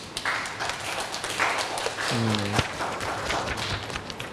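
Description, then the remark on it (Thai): A classroom of students claps together for a group of classmates who have just finished presenting their sensor project, in steady, dense applause that fills the whole stretch, with a brief tonal hum rising partway through. “ก็กลุ่มนี้ก็ได้นำเสนอชิ้นงานเป็นที่เรียบร้อยแล้วนะครับปรบมือให้เพื่อนหน่อยครับ”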